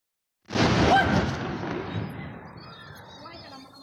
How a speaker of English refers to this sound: The RSF targeted a weapons depot, causing several powerful explosions.